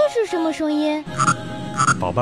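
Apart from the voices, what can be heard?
frog croaking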